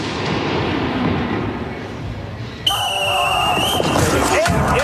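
A low rumble of crowd noise gives way to a burst of fireworks: sharp booms, crackling, and shrill whistling streaks layered loudly over the background for the last couple of seconds.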